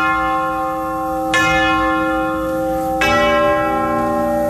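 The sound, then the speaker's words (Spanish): Funeral bells tolling slowly: two deep, resonant strikes a little over a second and a half apart, each leaving a long humming ring that lingers and overlaps, with no voices. “Y también campanas de funeral.”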